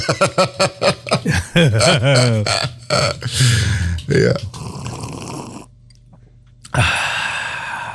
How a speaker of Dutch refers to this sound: Een lange slurp. Een lange. Lekker.